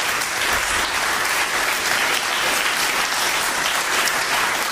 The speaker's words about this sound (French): j'aimerais tout simplement que vous les applaudissiez encore